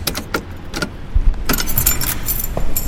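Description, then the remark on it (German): Keys jangle in repeated bright metallic bursts, fairly loud, as someone searches for a key, with a low rumble of a car or engine underneath. “Ach, fuck, wo habe ich denn jetzt den verdammten Schlüssel?”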